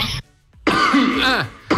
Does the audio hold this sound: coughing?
yes